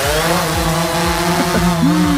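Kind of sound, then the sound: machine, drones flying overhead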